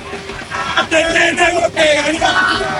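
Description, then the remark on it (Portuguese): Football fans shout and cheer together, a loud, dense crowd roar with overlapping yells and whoops rising in bursts, continuous throughout. “Olha como tá o clima aqui”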